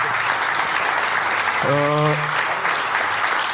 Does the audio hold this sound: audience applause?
yes